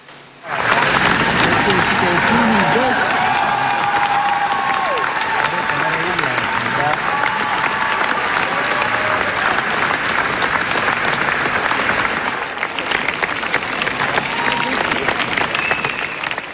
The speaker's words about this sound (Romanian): film în limba engleză a lui Cristian Mungiu, a avut premiera mondială la Festivalul de Film de la Cannes și a primit 12 minute de aplauze în picioare. Este cea mai lungă sesiune de ovații la finalul unui film de la actuala ediție a festivalului.